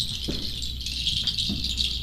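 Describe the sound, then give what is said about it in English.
A mechanical bird-voice sound effect device, shown at an exhibition in the Royal Castle, gives off a steady, high, chirring twitter that runs throughout, broken by a few soft low knocks from the mechanism. No one speaks. “The voice of birds.”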